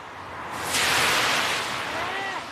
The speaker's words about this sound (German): Dieses Auto kam jetzt, um euch zu demonstrieren, wie nass die Straße ist.